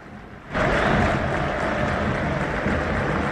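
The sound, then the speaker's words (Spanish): A large stadium crowd bursts into applause for Belgrano, eliminated by Racing in the Copa Argentina, after a brief quieter moment, a dense, steady roar of clapping and cheering that stays loud and unbroken to the end. “Bueno, lo aplaude a Belgrano y está muy bien.”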